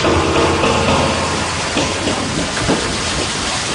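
The first water pours steadily into a newly put-up tank being filled, with a loud, continuous rushing splash and a low rumbling undertone, holding at an even level throughout with no voices.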